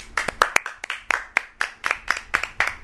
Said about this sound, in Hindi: तो जॉय के लिए सब ताली बजाएंगे।